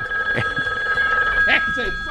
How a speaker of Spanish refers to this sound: ¿Se acuerdan de esos teléfonos de rodela? Entonces, el sonido era característico como timbre de